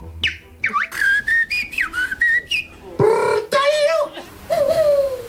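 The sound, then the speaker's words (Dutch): A person whistles a quick, bird-like melody with rapid chirps, warbling slides and trills in short bursts, mimicking birdsong, at the Dutch national bird-whistling championship held in the evening in a park in Utrecht. “Een prachtige reportage over het NK vogelfluiten van gisteravond in een park in Utrecht.”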